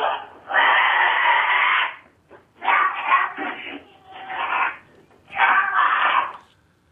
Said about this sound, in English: I have no idea if that's the cougar or the goat, but it's nasty. And you can see this video. I mean, the cougar has locked its jaws around that little goat.